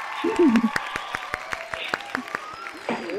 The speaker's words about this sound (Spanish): Pero no pasa nada, este aplauso va para usted.